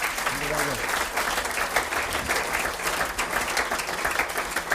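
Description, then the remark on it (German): Steady audience applause fills the whole stretch: a dense, even roar of many hands clapping at constant loudness, with a brief voice heard over it at the start. “Ja, Applaus.”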